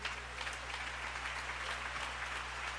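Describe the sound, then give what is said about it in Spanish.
An audience at a church service applauds for God, a dense wash of many hands clapping at once that holds at an even, loud level throughout with no voices rising above it. “Si ese aplauso es para Él, de lo más fuerte.”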